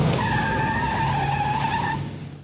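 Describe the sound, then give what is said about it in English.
A car's tires screech in one long, loud squeal as it swerves sharply to pass a school bus, lasting a couple of seconds before cutting off abruptly. No one speaks. “You know what? I'm just going to pass the bus up.”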